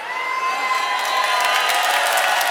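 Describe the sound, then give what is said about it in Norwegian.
A large festival audience at the Dansebandfestivalen in Sel, Norway, cheers and shouts continuously inside a huge tent, a dense roar of voices and whoops, growing slightly louder toward the end. “Og her har vi desidert Norges beste publikum.”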